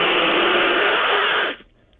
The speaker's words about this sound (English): Oh, okay, that was a broken shower.